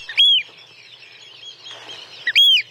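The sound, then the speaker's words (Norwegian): Two loud, shrill piping calls of a Eurasian oystercatcher, each a sharp rising-and-falling 'kleep', spaced about two seconds apart over a faint, quiet background. “Der hørte du kjellen, og så var det jo den som hadde litt sånn sjølysens langt, oransje nebb.”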